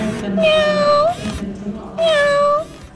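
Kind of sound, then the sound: machine, robotic cat meowing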